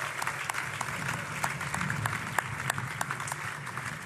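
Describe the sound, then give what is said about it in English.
An audience claps steadily throughout, a dense wash of many hands with sharp individual claps popping out irregularly above the steady roar, moderately loud and without pause. “Ladies and gentlemen, another round of applause, please.”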